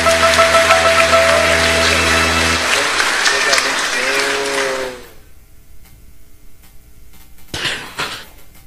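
A crowd claps for a woman at a Sunday church service in a dense, steady burst of applause for about five seconds, with sustained low tones under the start, then it stops abruptly, leaving quiet and one brief noisy burst.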